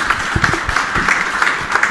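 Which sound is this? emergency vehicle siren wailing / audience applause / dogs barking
audience applause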